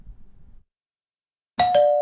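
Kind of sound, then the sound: household object, doorbell ringing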